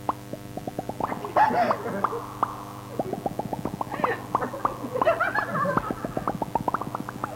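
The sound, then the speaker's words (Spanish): Rapid, regular plopping drips, apparently imitated by mouth to represent water drops falling from a ceiling, tick along steadily over a low constant hum, with short bursts of breathy vocal noise mixed in between. “Del techo caen gotas de agua.”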